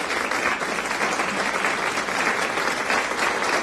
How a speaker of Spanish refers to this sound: Así que, aplausos para los que... le atinaron. Muchos aplausos.